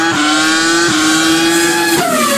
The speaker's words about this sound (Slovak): Opäť si totiž mohli vypočuť zvuk 10-valcového motora.